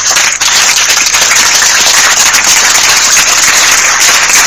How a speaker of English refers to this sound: Round of applause for that.